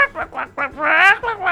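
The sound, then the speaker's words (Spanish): A person imitates a hen clucking, with a quick series of short, rhythmic voiced clucks that rise into a longer, higher squawk before a few more clucks, fairly loud. “Camina, vamos a hablar con la gallina. Y empezó la gallina.”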